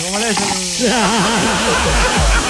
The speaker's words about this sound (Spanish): De eso, y abrió una bebida en lata, mira.